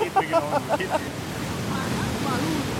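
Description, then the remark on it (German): Steady rushing water roars continuously at the Eisbachwelle, a standing wave in a stream in the English Garden in Munich where people surf, with a brief burst of someone talking at the very start. “auf einer Welle in einem Bach zu surfen, im Englischen Garten”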